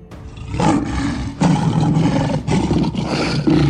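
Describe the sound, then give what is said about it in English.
A tiger roars loudly, a deep rumbling snarl in several surging bursts with brief dips between them, continuous and forceful for a few seconds. “ferocious tiger snuck into the royal sleeping chamber.”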